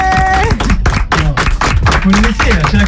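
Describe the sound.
A crowd applauds with a steady patter of many hands clapping, loud and continuous, while voices call out and talk over the clapping.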